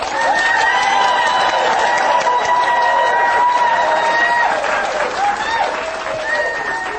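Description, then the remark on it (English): An audience at an EWTN Radio show claps loudly and steadily for the full seven seconds, a dense, continuous roar of hands with some cheering, while a voice speaks faintly underneath. “Yeah, you're clapping for me, but I'm not clapping for you.”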